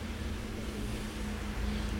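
A steady, low rumble of street traffic on the boulevard Saint-Germain, with a white van, a green tarpaulin-covered Citroën truck, taxis and a blue van going by, a constant engine drone underneath, fairly even in loudness with no single car standing out, and no voices.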